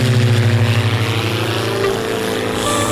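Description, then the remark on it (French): A second propeller airplane's engine drones loud, its low throbbing hum pulsing at first, then easing slightly as the aircraft starts moving off, departing with a team aboard. No voices. “Par manque de place, l'équipe repart sans moi à bord de ce deuxième avion.”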